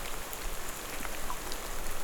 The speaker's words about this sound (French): L'humidité, la pluie